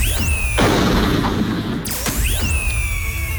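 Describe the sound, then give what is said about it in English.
A logger's loud chainsaw revs with whining pitch sweeps as he cuts down a giant tree in Oregon, then a sudden heavy smash midway as the saw kicks back into his face, before the saw's rising whine returns over a constant rough roar. “his chainsaw suddenly kicked back, smashing him directly in the face and lodging into his skull.”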